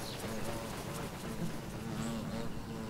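Bees buzz steadily in a garden, a continuous droning hum that wavers slightly in pitch as they fly from flower to flower collecting nectar and pollen and pollinating the blossoms, with no voices present.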